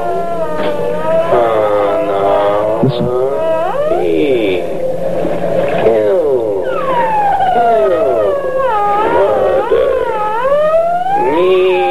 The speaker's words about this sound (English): The high squeak of that dolphin when it slowed down this way. Listen.